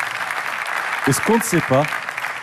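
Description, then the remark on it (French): Steady crowd applause for the 230 professionals of La Pommeraye, a dense, even wash of clapping that runs the whole time, with a man's voice briefly speaking over it partway through. “Ils méritent des applaudissements, s'il vous plaît.”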